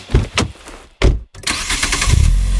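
A Geely Monjaro car engine, 238 horsepower with all-wheel drive, cranks with a few sharp bursts, cuts out briefly, then catches and roars into a loud, steady rev, with a deep rumble building toward the end.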